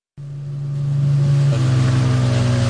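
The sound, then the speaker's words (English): A motorboat engine starts abruptly and holds a steady, loud drone with a low hum, rising slightly in pitch partway through, as the boat comes ashore on a desert island in Sierra Leone. No voices are heard. “Coming ashore on a desert island. There is boat.”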